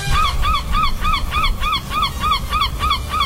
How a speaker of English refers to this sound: Is that a human laughing or an animal? A human. No! No, that's a bird, right? That's a seagull. Yeah. That's a seagull.